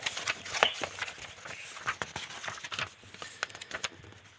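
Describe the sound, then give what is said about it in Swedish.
Papery flicks and soft rustles as the pages of a binder are flipped through to find number 14, a quick uneven series of crisp taps with brief pauses between them. “Jag ska bläddra fram den åt dig.”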